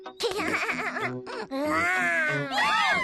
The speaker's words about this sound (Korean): 아, 저런. 진짜 아기 때문에 조지가 밀려났네요. 아, 조지. 넌 항상 엄마의 아기인데 왜 울고 그러니?